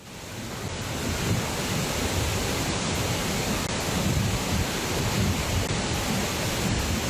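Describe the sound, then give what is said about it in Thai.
A powerful, continuous roar of rushing muddy water at Wachirathan Waterfall on Doi Inthanon, Chom Thong district, Chiang Mai, Thailand, in full flood from a flash flood after heavy overnight rain, dense, steady and loud with no voices. “จะไม่ให้ปิดยังไงไหวนะฮะหัวน้ำเยอะขนาดนี ้น่ากลัวนะ แรงขนาดนี้แล้วก็ขุ่นขนาดนี้นะคุณผู้ชมครับนี่คือน้ำตกวชิรทานครับแหล่งท่องเที่ยวชื่อดังของอำเภอจอมทองจังหวัดเชียงใหม่นะฮะเพราะว่าน้ำป่าเนี่ยไหลหลากมาอย่างรุนแรงหลังจากที่เมื่อคืนที่ผ่านมาฝนถล่มครับ”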